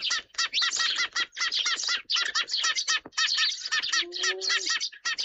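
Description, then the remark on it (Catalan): Eurasian tree sparrows (Passer montanus) chirp continuously in a busy, overlapping chorus of short, bright notes, fairly loud, with brief pauses and a longer tonal call near the end. “Pardal xerrec. Passer montanus.”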